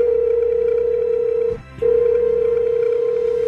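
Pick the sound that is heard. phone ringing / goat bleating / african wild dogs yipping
phone ringing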